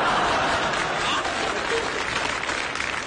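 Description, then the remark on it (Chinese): A large audience applauds steadily, a dense wash of many hands clapping at once that holds at a fairly loud, even level for the whole three seconds. “知道大家为什么鼓掌吗？”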